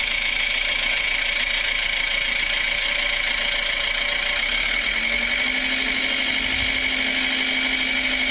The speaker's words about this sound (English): Looks like he's been doing a bit of work in the tractor. Yeah. Looks like it's been doing a bit of work.